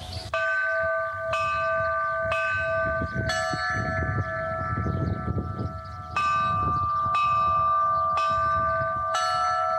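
A church bell peal created by the Asociación Navarra de Campaneros for the 12 August eclipse, rung on a portable belfry at the observation area in Lerín. This first peal is rung an hour before the eclipse: about nine slow, evenly spaced strikes whose bright tones hang and overlap, over a low rumbling background noise.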